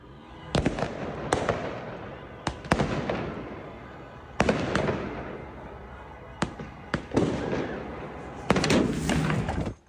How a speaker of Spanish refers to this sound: Dos personas grababan desde el balcón de un 7º piso los fuegos artificiales por la victoria de un equipo de fútbol cuando uno de los cohetes cambió de dirección y les impactó directamente.